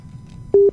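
An incoming telephone call line tone from a caller in Krian, Sidoarjo, cuts in after a quiet, low rumble: a steady electronic beep pulses loudly two or three times in quick succession, with no one speaking.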